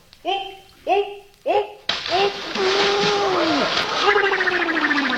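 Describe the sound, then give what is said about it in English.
Three short vocal exclamations lead into a sudden, loud splash as a man jumps into a swimming pool, followed by a few seconds of churning, spraying water with voices calling out over it. “Holy cow, he knocked half the water out of the pool.”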